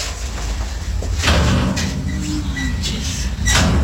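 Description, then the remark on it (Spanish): A door is pushed shut with a scraping, sliding rumble and a dull knock, followed by a few lighter clicks and rattles over a steady low background hum. “Nada más cierro la puerta para regresar.”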